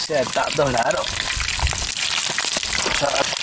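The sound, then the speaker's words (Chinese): Steady, dense sizzling and crackling of sewn, stuffed offal frying in melted mutton fat in a pan on a stove built of clods and fuelled with dried cow dung, fairly loud throughout, with a voice speaking briefly over it near the start and end. “随着锅中的温度升高，羊油慢慢融化，随后将缝制好的内脏放置在油中煎制。”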